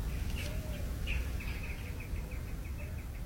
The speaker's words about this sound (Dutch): En je hoort, we eindigen met gewoon de buitenmicrofoon. Klinkt daar al iets? Ik hoor een duif. Dat is toch ook altijd mooi.